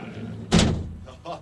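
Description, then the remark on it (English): A heavy door slams shut as it is locked for the night, with a loud, booming thud, followed by a softer knock or rattle as it settles, with faint background noise around it. “I'm going to lock the door, and then that's it. I'm in for the night, so let's do this. Here we go, big-ass door.”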